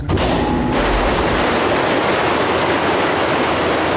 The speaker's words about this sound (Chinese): 开闸已准备完毕。 好，现在开闸放水。